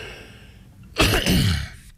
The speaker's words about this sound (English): Sorry, folks, I've got a little bit of a cough. So, yeah, bear with me.